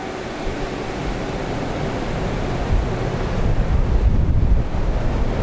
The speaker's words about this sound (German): In so einem Windkanal ist ein riesiger Ventilator angebracht, der bis zur Decke reicht und Luft ansaugt.